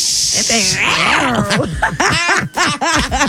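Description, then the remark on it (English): An angry cat hisses sharply, then breaks into loud, wavering growls and yowls that rise and fall in quick, continuous bursts. “It's no nice little purrs to it, is there? It's an angry little cat right now.”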